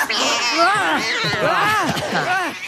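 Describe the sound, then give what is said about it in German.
Three young kittens, just sprung out from under a jacket, meow and yowl over one another in a continuous, overlapping chorus of high, rising-and-falling cries, loud throughout. “Drei junge Kätzchen waren darunter hervorgesprungen”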